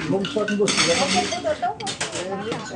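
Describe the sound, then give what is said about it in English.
Dishes being washed in a kitchen sink, with bursts of running water and soft clinks of crockery, the water going down the drain directly into a filtering system to be used again, while people talk over the top throughout. “Edilene is now doing the dishes, and the water that's going down the drain in the sink goes directly into the filtering system.”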